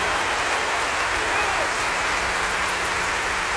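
Sustained audience applause, a dense, even wash of many hands clapping at a steady loud level throughout, with no clear pauses or individual claps standing out.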